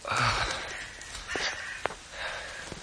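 Heavy, breathy gasps and puffing breaths come in uneven bursts, fairly quiet, with a couple of short sharp clicks or thumps between them and no talking.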